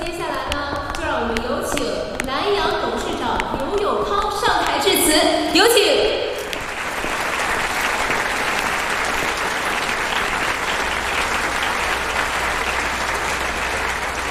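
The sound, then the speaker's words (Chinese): A voice speaks over a noisy backdrop, then a crowd breaks into loud, steady applause for Lanyang Life (蓝洋人寿), a dense wash of many hands clapping that holds for several seconds without fading. “让我们为蓝洋人寿鼓掌，也为我们自己鼓掌。”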